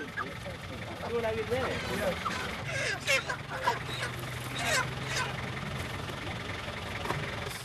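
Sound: chickens clucking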